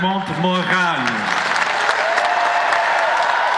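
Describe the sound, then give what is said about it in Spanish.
A crowd cheers with raised voices for the first second, then sustained applause takes over: dense, steady clapping at an even loudness that continues to the end, as Pope Leo XIV rides through Lourdes in the popemobile. “Entre vítores y aplausos, el Papa recorrió Lourdes en papamóvil y visitó a una comunidad de carmelitas en una jornada marcada por nuevas muestras de fervor popular.”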